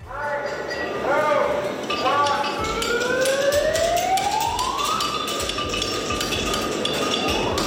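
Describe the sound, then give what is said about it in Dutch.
Rapid, overlapping metallic clinks ring out steadily as hammers strike horseshoes on anvils at a European championship in a riding arena in Mariënheem. More than 60 participants from many countries are forging horseshoes. The clinks mix with a sustained rising and falling tonal whine and a busy background murmur. “Ruim 60 deelnemers vanuit allerlei landen zijn speciaal afgereisd om de mooiste hoefijzers te slaan.”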